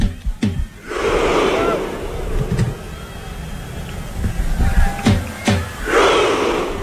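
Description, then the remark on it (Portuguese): A huge crowd of Norway fans at MetLife Stadium delivers slow, booming unison claps as Haaland strikes a drum, each clap sharp and loud, with a massive roaring shout swelling between and after the beats. “Haaland pegou a baqueta, vai bater forte agora. Bateu a segunda vez. Vai na terceira. E a torcida grita.”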